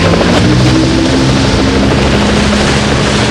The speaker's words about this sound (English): It's so windy. Just hold on.